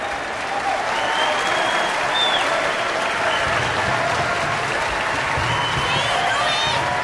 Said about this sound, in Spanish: El público aplaude. El público se pone de pie para aplaudirles a Miles y a Ruby.